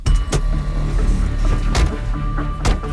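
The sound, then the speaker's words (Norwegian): A car engine hums steadily while a few sharp clunks and clicks cut through, like doors shutting, as a family gets into the car and drives to the relatives' support centre. “Familien setter seg i bilen og kjører til pårørendesenteret.”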